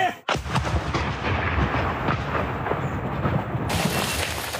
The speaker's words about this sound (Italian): Il drone è vicinissimo. I poliziotti sparano una raffica dietro l'altra, per poi riuscire a distruggerlo.